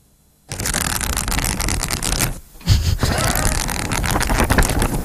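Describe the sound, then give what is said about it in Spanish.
Rapid, papery fluttering of pages being flipped quickly, a dense rustling burst lasting a couple of seconds, a brief pause, then another fast run of flipping, fairly loud. “Darte aire, pasar hojas. Pasar hojas, entonces, ¿qué estás haciendo? Leyendo, leyendo.”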